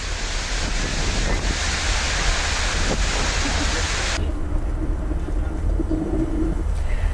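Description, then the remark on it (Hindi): Heavy rain pours down amid strong gusting wind during a storm in Delhi, India, a loud, continuous roaring hiss that turns duller and more muffled partway through while the steady rush continues. “दिल्ली में देखिए किस तरह से तेज आंधी के साथ जोरदार बारिश हुई”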